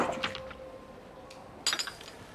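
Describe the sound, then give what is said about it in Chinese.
A drink being poured into a glass as another glass is poured for someone, heard as a few light glassy clinks, a thin ringing tone early on, and a brighter splashy burst near the end. Fairly quiet, with no talking. “我给你再倒一杯。”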